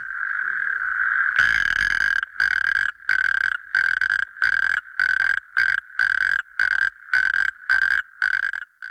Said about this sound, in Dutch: Ja, speciaal voor jou hebben wij hier dan echt origineel het geluid van een rugstreeppad. En die klinkt zo.